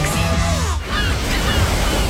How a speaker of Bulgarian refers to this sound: Чуваш ли? Идва голямата вълна.